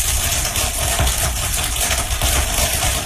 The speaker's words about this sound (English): Researchers think the crackling noises occur because of tiny fractures from the corn plant stretching, breaking, and growing. Here's the sound again. And that, my friends, is the sound of corn growing.